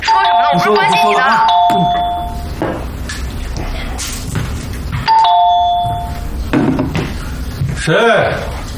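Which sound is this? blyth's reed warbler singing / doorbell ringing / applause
doorbell ringing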